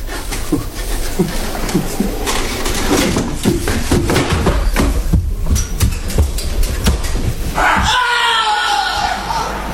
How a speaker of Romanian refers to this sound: Ce s-a întâmplat? Cine a țipat?